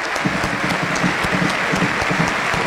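A large stadium crowd applauds steadily as footballer Joya Farías leaves the pitch after being substituted, a dense, even wash of clapping with scattered sharper claps, sustained at constant loudness for the whole few seconds with no voices on top.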